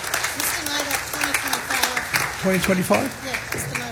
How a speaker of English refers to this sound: Without these guys, today wouldn't happen. So once again, can I just give them a round of applause, please? Thank you very much. Thank you, team.